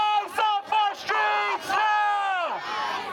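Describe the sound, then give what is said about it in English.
A protest crowd in the street in New York chants loudly in unison against a violent arrest and shooting by ICE agents, voices locked into a steady rhythmic cadence of short punchy syllables before the final call stretches out and slides downward in pitch. “Demonstrators took to the street in the hours afterwards to protest the violent arrest.”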